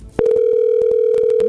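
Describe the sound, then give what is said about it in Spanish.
A telephone ringing tone cuts in abruptly and holds as a loud, steady electronic hum, with faint clicks and background noise underneath while the call goes unanswered. “No contesta.”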